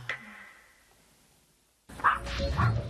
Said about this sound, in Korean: 사람만 보면 짖느라 제대로 된 산책이 불가능한 제니.